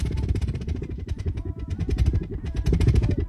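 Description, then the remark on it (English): A small homemade rubbing-alcohol engine runs with a loud, rough, rapid sputtering rumble, steady throughout, like a tiny motorbike engine chugging. “Oh, that's why they're calling it an engine. Does it make an engine noise?”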